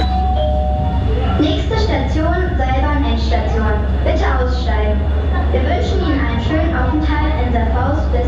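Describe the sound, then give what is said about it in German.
A short tonal chime opens, followed by a loud public-address announcement voice, all over a heavy, steady low rumble at the terminus station of the Saarfaus U-Bahn, where riders change to a cable car. “Hier an der Endstation der U-Bahn Saarfaus steigen wir gleich in die Seilbahn und stürzen uns dann ins Wintervergnügen.”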